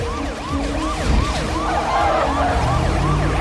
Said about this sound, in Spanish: conduce a toda velocidad con la sirena puesta.